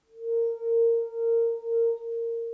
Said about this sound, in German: Resonanz, vielleicht erinnern Sie sich an Ihren Physikunterricht, bedeutet, dass ein Objekt mit einer externen Schwingung in einer bestimmten Frequenz mitschwingt. Wie ein Weinglas, über dessen Rand man mit dem Finger fährt.